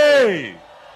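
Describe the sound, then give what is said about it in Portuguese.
A large outdoor crowd of men and women in the Mulenja neighbourhood, on the outskirts of the town of Manhissa, answers a call during a dialogue with the President of the Republic. Their loud, drawn-out shout falls in pitch, then fades within half a second into a lingering murmur. “o presidente da República já dialoga com a população que reúne em massa aqui ao bairro de Mulenja, arredores da Vila Municipal da Manhissa.”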